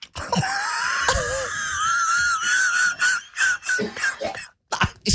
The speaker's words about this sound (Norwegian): Ikke brekk deg, da!